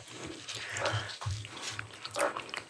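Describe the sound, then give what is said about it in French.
Wet chewing and smacking mouth noises as people eat cheesecake made with half goat cheese and half Philadelphia cheese, tasting to guess the cheese, with irregular soft bursts and no talking. “Excusez-nous, on est en train de manger.”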